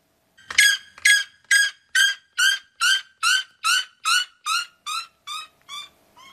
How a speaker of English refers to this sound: then the red-legged Sarema, who sounds like a seagull being tickled, maybe? This video is from a Wisconsin wildlife park.